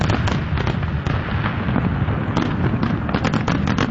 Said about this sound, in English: come over and enjoy these beautiful fireworks we've heard so much about